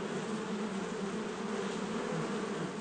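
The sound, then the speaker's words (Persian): A dense, continuous drone of a large colony of bees buzzing together around a honey hive box, steady, with no voices or pauses throughout the short stretch. “اما گذشتن از یک اردوی بزرگ زنبورها کار آسان نیست و بالاخره او با قدم زدن خود را به صندوق عسل می رساند و به نظر می رسد زنبورها به او هیچ توجه ندارند.”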